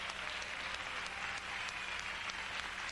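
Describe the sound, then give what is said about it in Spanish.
Steady, dense applause from a church audience clapping for God, a continuous crackling wash of claps with no pauses or speech, holding an even loudness throughout. “Pero si le va a dar palmas al Señor, dele como se lo merece Él.”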